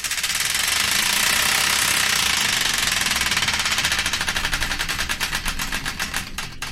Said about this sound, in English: The Wheel of Destiny is here ready to be spun, so without further ado, let's spin it and find out the song that's kicked things off, right here on the random number one show here on Hull's 107 FM.